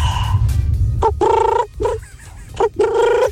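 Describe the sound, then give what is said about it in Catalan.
A person imitates a pigeon with a few throaty, warbling coos, loud and repeated in short bursts over a low background rumble. “I vaig imitar el... Com se diu això? Com se diu? El colom.”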